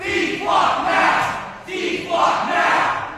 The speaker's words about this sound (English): That's the sound captured by the Fall River Reporter of protesters shutting down a city council meeting in New Bedford last week over concerns about Flock Safety's license plate reading cameras.